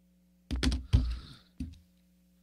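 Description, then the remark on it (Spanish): A pen taps against a desk in a handful of sharp clicks: a quick cluster, a heavier knock, then a pause and two more isolated taps. Nobody speaks. “Te estoy escuchando lo que sientas con el bolígrafo.”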